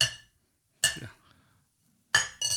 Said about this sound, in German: Ja, wie oft willst du noch anstoßen